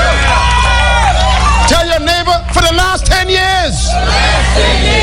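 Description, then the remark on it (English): A large crowd screams and shouts together, a dense, loud wall of overlapping voices that swells into sustained high yells midway before easing back into noisy cheering. “Somebody scream right there. Just scream.”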